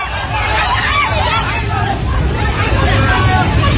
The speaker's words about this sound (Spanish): Es el sonido del terror de la gente ante el torrente que ha arrasado en muy poco tiempo viviendas, coches, árboles y que ha dañado infraestructuras de todo tipo, carreteras, puentes, centrales hidroeléctricas,